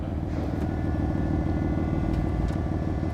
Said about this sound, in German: Es fängt beim Starten an. Schon dieser Kaltstart von dem Auto, das ist schon mal sehr, sehr geil. Das zaubert mir direkt immer ein Grinsen ins Gesicht.